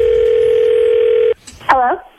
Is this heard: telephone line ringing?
yes